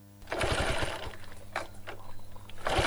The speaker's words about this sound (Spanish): Che, ¿no le arranca ahí la moto?